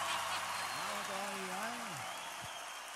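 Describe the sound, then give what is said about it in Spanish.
Steady, dense applause from a crowd fills the whole moment, with a single voice briefly calling out over the clapping in the middle. “Fuerte el aplauso.”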